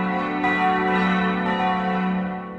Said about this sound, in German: 3 Minuten hören wir nur alle katholischen 4 Glocken.